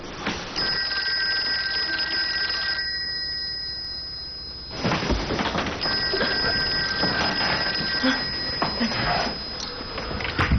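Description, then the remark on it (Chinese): A telephone rings loudly in two long, shrill bursts separated by a brief pause, with a faint hum underneath and no voices; the call is from the station chief. “喂， 哎，我给你打电话，你太太说你夜里没回来啊。”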